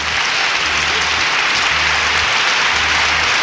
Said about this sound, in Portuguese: Vixe, e pro Tininho? Aplausos, né?